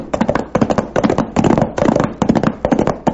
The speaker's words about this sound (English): Billy Blue Blazes, Chad. Sounds like shooting. Yeah, and if we're going in the right direction, the shooting's coming from the Charlton place.